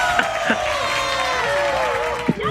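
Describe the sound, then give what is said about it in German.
A small group, a quiz contestant's wife and family, cheers and whoops excitedly in the background, voices overlapping in a steady, lively burst of celebration with a couple of sharper shouts. “Was waren das im Hintergrund? Meine Frau. Jubeln alle mit.”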